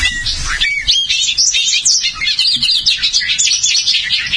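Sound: bobolink song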